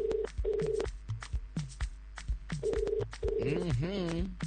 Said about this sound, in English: Pick up the phone, calling you from Ichola.